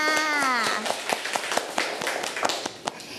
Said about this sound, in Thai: เก่งมากค่ะเด็กๆปรบมือทั้งสองคนค่ะ